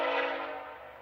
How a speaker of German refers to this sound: 2 Kilometer entfernt können wir ihn schon hören. Ein wunderbares Geräusch, das nur ein Zug macht. Kein Flugzeug, kein Auto, nur der Zug. Hörst du ihn?